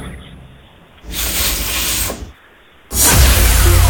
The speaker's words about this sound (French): Défroisseur vapeur, oui, effectivement. Prendre un vêtement, par exemple, afin de le défroisser.